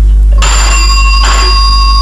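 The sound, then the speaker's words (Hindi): A telephone bell rings loudly, two quick bursts of bright metallic jangling, each leaving a shimmering ring that hangs in the air. No one speaks. “देखा हमारा फोन भी बोलने लगा है अपनी चुप्पी से निकल के, समझ कर हमारे यार की खुशी ट्रिन करने लगा है मचल के।”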